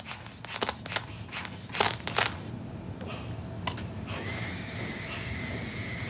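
A few sharp clicks and rustles as a cuff strap is fastened on a child's arm, then a steady mechanical whirring hum as the blood pressure cuff inflates, continuous until the end, with no talking.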